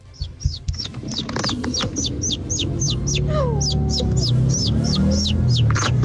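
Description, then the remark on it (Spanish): A voice imitates a baby chick as a hidden talent, giving a fast, steady run of high, thin peeps, about three per second, over a low, busy background rumble. “mi talento oculto es hacer como pollito.”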